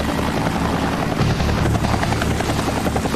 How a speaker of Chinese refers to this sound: 打开了，他已经开启了一个啤酒瓶盖，第一瓶现在已经顺利打开，确实太难了。直升机开啤酒瓶啊，我们的挑战者必须进行绝对精准的操控。